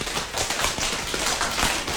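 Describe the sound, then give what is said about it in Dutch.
Soft, scattered tapping of hands on legs, an irregular patter mimicking raindrops beginning to drip, steady in level with no speech. “En nu gaat het langzaam beginnen met druppelen.”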